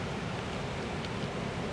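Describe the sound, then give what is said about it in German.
A sudden gust of wind blows through foliage, leaves rustling heavily in a dense, steady hiss with no pauses and no voices. “Eine plötzliche Böe. Blätter rascheln heftig.”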